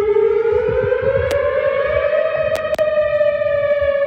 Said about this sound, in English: So that weather siren was heard on the Western University campus last evening with a tornado warning issued as a powerful line of storms moved through.